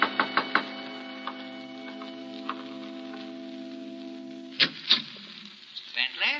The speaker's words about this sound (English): 2 nights later, I was alone, and there was a knock on the door.